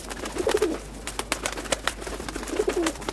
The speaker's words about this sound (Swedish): Och duvorna. Utanför mitt fönster fanns det jättemånga duvor.